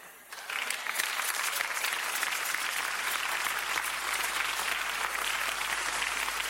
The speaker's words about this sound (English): This is the first time I've seen you clap, and the clapping, heaven has received it, because heaven rejoiced with the clap that you have, the Holy Ghost has said something that you appreciate it.